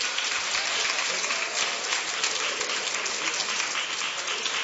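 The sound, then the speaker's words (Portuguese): A large church audience claps steadily and continuously to welcome a singer, a dense, bright wash of applause with no pauses, sustained at even loudness throughout. “com palmas, bem alegre ao Senhor Jesus.”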